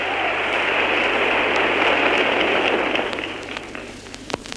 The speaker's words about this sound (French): Maintenant, c'est enfin Jean Renoir, le réalisateur du film, qui s'avance. Un tonnerre d'applaudissements souligne son apparition.